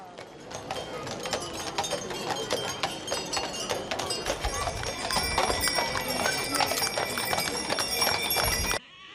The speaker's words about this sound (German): Der Festumzug des 33. Erzgebirgischen Pferdetages setzt sich in Bewegung. Mit insgesamt 33 Bildern ziehen Reiter, Kutschen und Gespanne durch Zwönitz und weiter in Richtung Reitplatz nach Kühnheide.